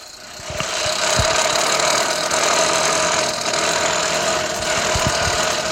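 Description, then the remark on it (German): A loud, rough, sputtering engine-like drone, like a broken lawnmower motor, runs steadily for about six seconds with irregular low knocks and rattles, and no one talks. “Das klingt ja wie ein Rasenmähermotor, der kaputt ist.”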